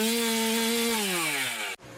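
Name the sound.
chainsaw engine running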